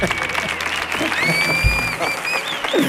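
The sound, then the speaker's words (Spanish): A TV show audience applauds steadily as a guest appearing as the A-Team character M.A. Barracus is welcomed, a dense wash of clapping that holds at a fairly loud level throughout, with a thin high whistle-like tone gliding over it. “Fuerte el aplauso para M.A. Barracus.”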